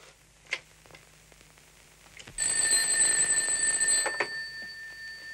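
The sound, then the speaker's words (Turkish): A telephone rings with a bright, shrill, bell-like trill that cuts in abruptly after a short quiet stretch, sustains for about a second and a half, then fades away. “Şu Ferdi Tayfur'u bir ara Selim. Evinde olmalı bu saatte.”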